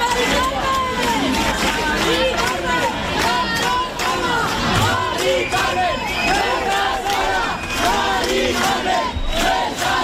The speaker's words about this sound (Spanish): No estás sola, Mari Carmen, gritaban miles de jóvenes, sino tan jóvenes anoche, con pancartas que decían todos somos Mari Carmen, porque Mari Carmen no es una excepción.